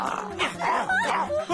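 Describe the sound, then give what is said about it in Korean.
Dogs bark and whimper, a rapid run of short, high yelps and whiny cries tumbling one after another, fairly loud and continuous throughout. “들깨들이 짖는 소리가 들리는데.”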